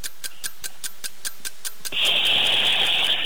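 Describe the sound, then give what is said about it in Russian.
A voice imitates a boiling kettle on cue as part of a timed sound-imitation challenge: a quick, steady run of clicking taps for about two seconds, then a loud, sustained hissing whistle that holds to the end. “Кипящий чайник. Звуками.”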